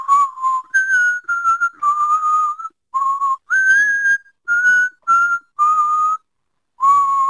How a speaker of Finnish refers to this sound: Vapaus vihellellä.